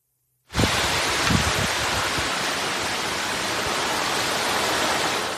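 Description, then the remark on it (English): Heavy thunderstorm rain on Sunday in Alpharetta, Georgia, just north of Atlanta, pours in a dense, steady hiss that starts abruptly after a brief silence and stays loud and even throughout, with a few soft low thumps early on. “But overall, I should say, the rain, it was peaceful.”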